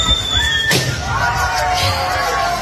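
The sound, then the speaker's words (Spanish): A real person whistles a few high, thin notes, another person pops a balloon with a pin in a sharp burst, and the whistling continues afterward in wavering tones over a faint background murmur. “Como una el persona, pues, sí, una sí, persona silbando, mucha investigación, sí, una persona real silbando y otra explotando un globo con un alfiler, ¿no?”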